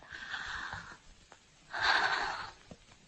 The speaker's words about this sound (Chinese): 谢谢，深呼吸，陛下。